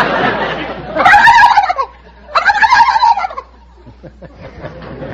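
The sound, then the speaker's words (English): A person on the quiz show You Bet Your Life imitates a turkey gobble in two loud, rapid warbling bursts, each about a second long, with a quieter pause between them and some soft voice sounds trailing after. “I can cackle like a gobble, like a gobble, turkey gobbler.”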